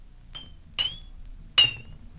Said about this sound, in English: Number 7 was an empty bottle.